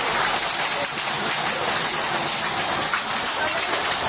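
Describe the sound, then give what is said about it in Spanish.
Hail pelting down hard in Beniardà, in the Guadalest Valley, in a dense, continuous clatter, a loud steady roar of countless impacts with no pauses and no voices. “En Beniardà, en el Valle de Guadalest, el protagonista fue el granizo.”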